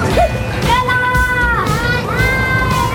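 Children seated and holding on tight on a chain swing carousel shriek as it starts, long high-pitched wavering screams rising and falling over a steady rumble of ride noise and background chatter.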